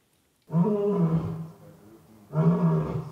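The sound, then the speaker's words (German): A male lion at a zoo, new father of cubs born last week, roars twice, deep and resonant, each call a long throaty bellow with a quieter rumbling grunt between them, heard clearly with no talking. “Der frisch gebackene Löwenpapa Boti ruft.”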